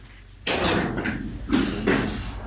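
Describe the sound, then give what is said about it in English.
Heavy footsteps thud at a steady walking pace, about one every half second, fairly loud amid some rustling room noise, with no one speaking, as two staff members get up and walk out of a meeting. “We hear their heavy footsteps as they walk away, not seemingly happy with what's happening.”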